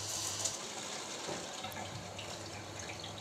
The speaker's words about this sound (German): Dann ein Rohr, an dem das schnelle Wasser vorbeifließt.